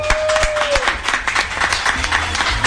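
A crowd in San Alfonso applauds steadily to welcome a music group, many hands clapping in a dense, loud wash that holds evenly throughout, with a brief high whistle-like tone early on.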